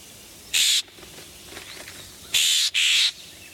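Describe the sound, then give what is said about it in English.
A scrub jay gives three harsh, raspy calls: one alone, then a quick pair after a pause. Each is a loud, high, scratchy burst with quiet background between and no talking. “But in places that have stayed scrubby, the scrub jay is still hanging in there.”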